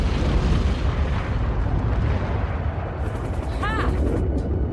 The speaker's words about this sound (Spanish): Recoge un lanzagranada, se arrodilla en la puerta lateral abierta y dispara. La granada impacta en la torre desde la que dispara el guardia y explota.